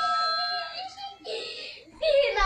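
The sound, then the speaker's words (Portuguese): A woman, a wife, cries in high, wavering, tearful bursts with brief pauses between sobs, in the background as her family reacts to their first food-delivery order, while other voices murmur. “A esposa chorando ao fundo.”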